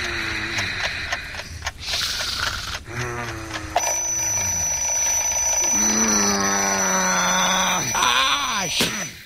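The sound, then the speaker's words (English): An alarm clock rings loudly and continuously with a shrill, high-pitched tone at 9 o'clock at night, waking a person who groans and moans over it. “That damned alarm clock just woke me up.”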